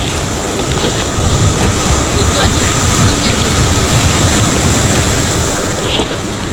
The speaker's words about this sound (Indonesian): Pantai Tanjung Bayang adalah salah satu pantai favorit masyarakat Kota Makassar. Selain karena akses yang cukup dekat, pantai ini juga memberikan rasa nyaman. Rasa nyaman untuk sebuah kerinduan terhadap angin, pasir, dan ombak